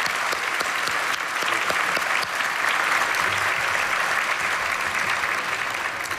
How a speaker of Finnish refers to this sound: nouskaa ylös ja annetaan heille kaikille, kuin myös Eskolle ja Samille raikot aplodit